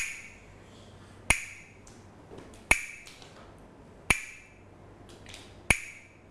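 Four sharp wooden clacks from Thai wooden hand clappers, played by a teacher as a rhythm signal for children's morning movement exercise, evenly spaced about a second and a half apart in a slow, steady beat, each crisp and bright with a short ring, with no talking.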